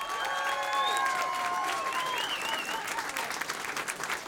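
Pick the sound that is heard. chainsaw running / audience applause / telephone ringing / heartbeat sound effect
audience applause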